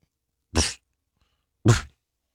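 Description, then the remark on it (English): Someone imitates a dog's soft boof twice: two short, breathy, muffled woofs about a second apart, with silence around them and no other talk. The imitation is of what a dog named Gus did, a sound that is not a bark, like a dog getting ready to bark. “Gus, who also took interest, he did what we call boofing a couple of times. It's when it's not a bark. It's when a dog goes like this.”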